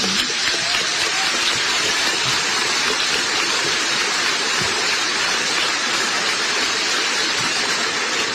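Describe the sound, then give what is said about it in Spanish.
A large audience at the Vitoria Jazz Festival applauds the festival steadily, a dense, even wash of clapping that holds at the same loudness for about eight seconds with no voices over it. “Un fuerte aplauso por el Festival de Jazz de Vitoria.”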